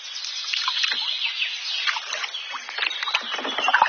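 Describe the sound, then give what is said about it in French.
Canoe paddles splash and swish through the water in quick, irregular strokes as two people set off in a canoe at Piquigny, one paddling on the right and one on the left; fairly loud, with a continuous wash of dripping and churning water and no voices. “Moi, je vais pagayer à droite, tu vas pagayer à gauche.”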